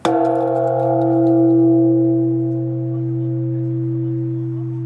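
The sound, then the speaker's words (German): A large Shinto shrine bell in Japan is struck once. Its loud clang settles into a deep, sustained hum with layered ringing overtones that slowly waver and fade over several seconds. “Zu meiner Sammlung von Shinto-Klängen zähle ich deshalb shintoistisch großzügig auch den Klang dieser großen Glocke.”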